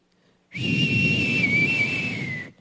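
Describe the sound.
A single long whistle holds one steady, high pitch for about two seconds, dipping slightly partway through, over a low rushing rumble, then cuts off abruptly.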